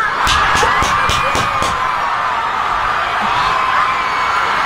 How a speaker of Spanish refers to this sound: Recibamos con amor y con un aplauso inmenso, por favor, a la única e inigualable